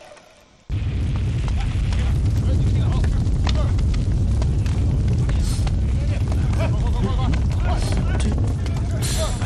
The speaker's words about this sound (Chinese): 这声音肯定是启动机关发出的巨响。